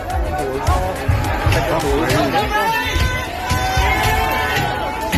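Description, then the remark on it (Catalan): Repeated dull thuds and bangs as rioters strike the doors and windows of immigrant families' houses in Belfast, Northern Ireland, in an irregular rhythm beneath a loud, agitated crowd of shouting and clamoring voices. “Això que sentim són persones que estan colpejant portes i finestres de cases de famílies d'immigrants, a més d'intentar també cremar els habitatges.”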